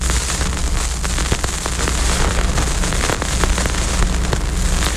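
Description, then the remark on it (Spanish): A vinyl record crackles steadily as the needle is placed on it before the music starts: dense, irregular pops and clicks over a low rumbling hiss, with no music and no voices. “Así suena un vinilo cuando colocamos la aguja encima antes de que empiece la música.”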